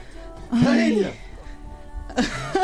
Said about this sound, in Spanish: No, yo estoy estornudando. Perdóneme.